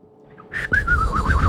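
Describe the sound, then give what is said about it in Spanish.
A person whistles a warbling, bird-like trill that wavers up and down in quick pulses, loud, imitating birdsong, with breathy puffs at the start. “Pero hacer como pajarito es un talento.”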